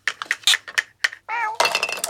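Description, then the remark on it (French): Light toy dishes clink several times in quick, uneven taps as a mouse and a cat play with a toy dinner set in a bedroom during a pajama party. The cat gives one short meow, followed by a busier rattle of clattering toy crockery, fairly loud with no talking. “La souris et le chat jouent à la dinette.”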